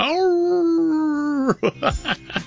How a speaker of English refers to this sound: My dog howls as soon as it hits the high notes, and it sounds like she's dying.